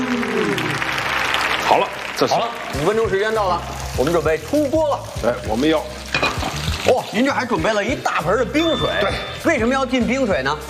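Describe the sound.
Pork belly deep-frying in hot oil for 5 to 6 minutes, as a chef makes zouyou rou (走油肉), gives a loud, continuous sizzle and crackle that runs the whole time while people talk over it.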